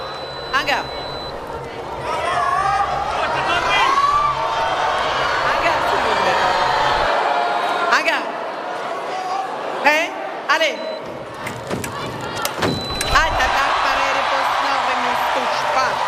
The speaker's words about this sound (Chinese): 现在中国香港队每得一分啊，现场都是排山倒海般的欢呼声。